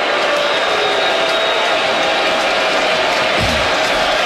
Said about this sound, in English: So here we go, crowd trying to roar back to life.